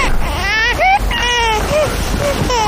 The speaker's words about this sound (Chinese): 宝宝，不哭。